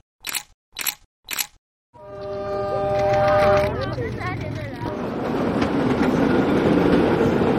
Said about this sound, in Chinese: 从 S2 经过的时候，照片非常好看的市郊铁路 S2号线，我们叫开往春天的列车。